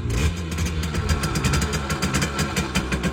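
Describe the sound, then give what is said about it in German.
A brand-new Simson S51 two-stroke moped, kick-started in the Erzgebirge, runs steadily, its rapid, rattling pops pulsing over a low throbbing hum. It stays loud and even throughout, with no voices. “Und wieder knattert eine niegelnagelneue Simson S51 durchs Land.”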